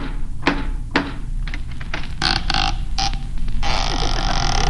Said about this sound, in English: once and for all, will you please knock on the door? Okay. All right.